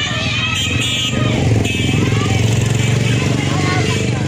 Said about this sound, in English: A stream of people could be seen moving inland on motorbikes after the authorities issued a tsunami warning, which was later lifted.